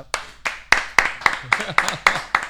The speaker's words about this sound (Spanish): Bueno, señoras y señores, para mí, fuerte el aplauso.